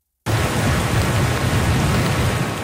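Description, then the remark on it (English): Heavy, torrential rain from Hurricane Lala pours down on the Big Island in a loud, continuous roar with a low rumble underneath, starting abruptly after a brief silence and holding steady throughout, with no voices. “the worst of the storm appears over, but the threat of more torrential rain remains.”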